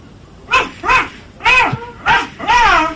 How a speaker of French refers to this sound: Et il y a les 2 chiens avec moi, là, qui sont dehors. Tu les fais aboyer un peu pour que j'entende comme ils sont?